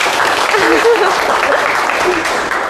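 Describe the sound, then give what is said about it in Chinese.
A class of students clapping together in steady, dense applause in a classroom, carrying on throughout, with faint voices calling out briefly beneath it. “好，非常积极主动啊，来，给点掌声吧。”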